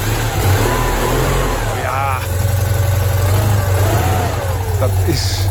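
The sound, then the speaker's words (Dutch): The small engine of an oldtimer Citroën 2CV, also known as the Eend, idles and revs in a steady buzzing drone that swells and eases, with voices talking faintly over it. “Ja, en de Chevaux ook wel bekend als de Eend.”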